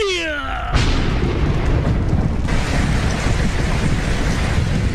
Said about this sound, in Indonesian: Langit tiba-tiba gelap. Hujan turun sangat deras, disertai petir menggelegar.